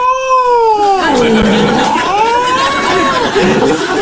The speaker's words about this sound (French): Ah non, c'est un chat sauvage, pardon, je suis bête.